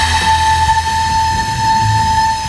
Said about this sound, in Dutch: Ja. Het is net alsof de Wereldhavendagen weer begonnen zijn. Maar het is dus een blokfluit uit Dordrecht dit. Ja. En met dit geluid gaan ze dus met AI aan de slag.